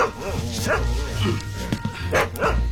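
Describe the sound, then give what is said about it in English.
A dog, a mutt named Tozzy, barks and yips several times in quick, uneven bursts, fairly loud, with a person's voice talking over parts of it. “He startled him, and that mutt's not helping.”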